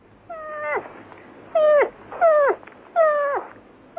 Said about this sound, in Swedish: Fel, den älgkalv som låter så där.